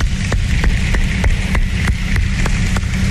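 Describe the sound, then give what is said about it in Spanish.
An audience applauds the 'equipo República Dominicana' at a dengue-prevention event, in a steady, dense wash of clapping, with sharper claps standing out at a fairly regular beat, about three per second, throughout the roughly three-second stretch. “Un aplauso para el equipo República Dominicana.”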